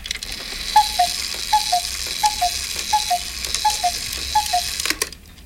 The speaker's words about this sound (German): Warte mal, das sind Kuckucksuhren.